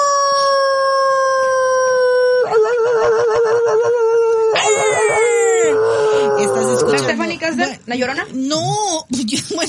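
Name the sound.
werewolf howl sound effect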